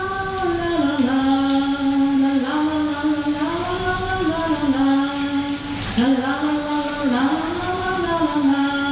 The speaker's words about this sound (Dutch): Het gordijntje dat sluit en de kraan gaat stromen. Daar komt ie.